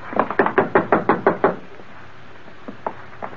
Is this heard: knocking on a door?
yes